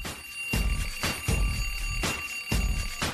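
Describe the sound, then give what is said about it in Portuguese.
A bell rings continuously with a bright, steady metallic tone, pulsing in a regular rhythm about twice a second, signalling listeners to check in on a radio show. It is loud and sounds alone, with no talking. “presente, a campainha tocou, todo mundo comparecendo aqui na Rádio que é número 1, em audiência geral.”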